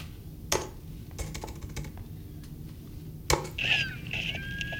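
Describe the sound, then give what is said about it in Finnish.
Someone taps a door-code keypad: a handful of sharp, irregular clicks, then a few short electronic beeps, over a low steady background hum. No one speaks. “Ja nyt jos sä kelaat siihen ovikoodin näpyttelyyn.”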